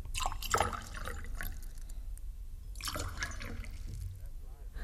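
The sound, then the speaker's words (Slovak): Fresh water splashes and trickles in uneven bursts as it is poured from a jug into a vessel, with faint voices murmuring in the background. “A dajte mi doniesť krčach čerstvej vody.”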